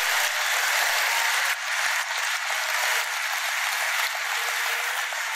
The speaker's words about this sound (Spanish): Entonces dale un aplauso fuerte al Señor.